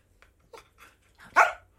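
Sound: dog barking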